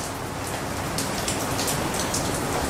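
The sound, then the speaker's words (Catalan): Steady rain pours down, a dense continuous hiss with scattered brighter patters of drops hitting a surface, fairly loud throughout, with no voices. “A dia d'avui, amb la mineria asturiana liquidada, el que resta és la memòria, la pluja i el silenci.”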